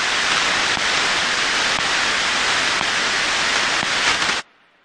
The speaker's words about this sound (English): To everyone and everything other than the computers receiving the instructions, data sounds like nothing. Maybe some static, just blips between computers.